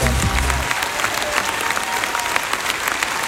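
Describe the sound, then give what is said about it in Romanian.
An audience at a theatre claps steadily for a team of volunteers and the theatre's actors, a dense, continuous patter of many hands at a fairly loud level, with a brief low voice at the very start before the applause takes over. “Eu vreau să vă rog dacă putem să dăm câteva aplauze pentru ei.”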